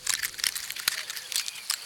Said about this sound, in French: L'écureuil mord dans une pomme de pin.